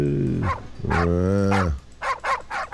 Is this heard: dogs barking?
yes